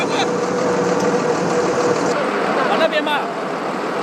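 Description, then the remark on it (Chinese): A speedboat engine roars steadily, a loud continuous drone with rushing water noise mixed in, holding an even level throughout, as a civilian rescue team's speedboat from Hengzhou travels fast through floodwater, keeping to deep water. “快艇行驶非常迅速，但也最怕搁浅，只能寻找水深的地方前行。”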